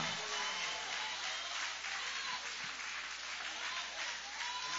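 A large audience at a church service claps steadily and continuously, a dense, sustained wash of applause at full volume throughout, with faint voices mixed into the noise.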